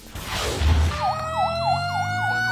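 A Makati City Fire Department truck siren yelps in a fast, repeating rise-and-fall over low engine rumble and street noise, fairly loud, with no one speaking, as the truck responds to a fire along a narrow street with double-parked cars in Barangay Bangkal, Makati City, on a Saturday afternoon.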